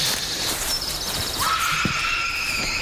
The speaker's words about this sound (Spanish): ¿Habéis oído eso? Sí, parecía un grito, ¿no? O algo así. La verdad es que bastante inquietante.